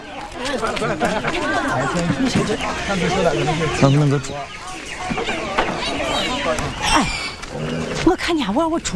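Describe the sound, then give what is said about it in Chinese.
A busy chorus of ducklings and chicks chirping nonstop, many high peeps overlapping at a steady, fairly loud level for the whole stretch. “我给你们看看哈，你看，小鸭、小鸡，那边还有那个羊和猪呢，看见了，看见了，好几份呢，这养大了都能换钱呢。”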